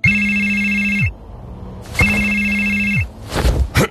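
A telephone rings twice, each loud, electronic ring lasting about a second with a short pause between, with no voices, followed by some brief rustling.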